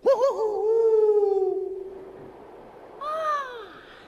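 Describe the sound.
A person imitates an eagle owl's call: a long, wavering hooting cry that slides downward, a short pause, then a second, shorter cry, loud.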